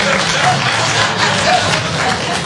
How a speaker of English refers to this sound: I won't say dirty, but clap if you are a little untidy. Maybe you're busy, you got stuff.